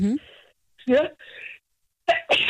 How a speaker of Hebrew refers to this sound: לבריאות!